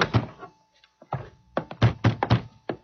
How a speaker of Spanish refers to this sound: abre la puerta, por favor.